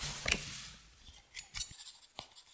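A pen scratches across paper in short, irregular strokes, with a few soft taps between them, as notes are taken during an investigation at a crime scene. The scribbling is quiet and dry, with no voices.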